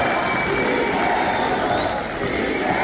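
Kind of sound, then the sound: crowd, crowd ovation and cheering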